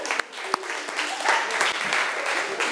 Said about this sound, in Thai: เชิญตัวแทนนักเรียนได้เลยค่ะขอเสียงปรบมือให้ตัวแทนนักเรียนด้วยค่ะ